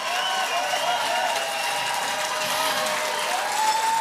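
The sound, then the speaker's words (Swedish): A large audience in Årskogens Folkets Park gives a standing ovation after a duet: dense, steady applause at a constant loud level for the whole stretch, with a few thin whistles and cheers threaded through the clapping. “Stående ovationer från publiken i Årskogens Folkets Park.”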